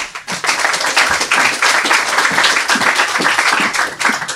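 An audience applauds steadily for a few seconds for a young girl introduced before reading her story, a dense, loud wash of many hands clapping with no voices over it.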